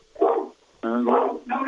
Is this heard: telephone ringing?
no